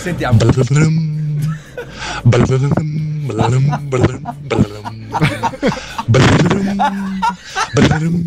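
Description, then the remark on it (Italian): A caller's voice imitates a harp with the mouth in a run of short, plucked-sounding sung notes that step up and down in pitch, each with a sharp attack and a brief sustained tone. “Ho qui in macchina un'arpa.”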